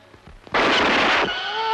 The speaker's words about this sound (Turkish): Yandım anam! Beni vurdun ulan deli!